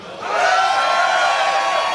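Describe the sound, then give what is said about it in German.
A festival crowd at Heuboden Umkirch, at the first Heubeach Festival, screams and cheers into the radio microphones in a loud, sustained roar that swells quickly and holds steady, with high whoops and shrieks mixed into the dense wall of voices. “Und ihr dürft jetzt mal ganz laut ins Radio schreien.”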